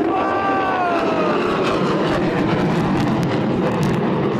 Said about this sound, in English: Look at the airplanes up there, the jets!